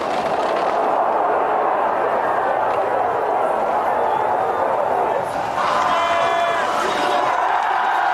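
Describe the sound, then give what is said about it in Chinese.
A large crowd of spectators at an alpine ski downhill race cheers and roars steadily and loudly as they await Odermatt's final sprint to the finish, dipping briefly before swelling again with higher shouts and whistles rising above the din. “好的，马托最后的冲刺，现场的观众也用欢呼声在等待着他，1分52秒31。”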